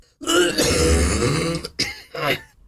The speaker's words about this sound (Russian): Вы сдерживаете сколько-то секунд или даже минут, чтобы смачно, звучно кашлянуть. Раз, два, три, и...